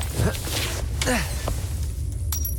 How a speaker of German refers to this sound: Oh nein, jetzt ist mir das Reagenzglas runtergefallen. Hoffentlich fällt Ihnen das nicht auf.